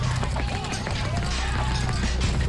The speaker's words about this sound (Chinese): 远远的，似乎有杂乱的脚步声在逼近。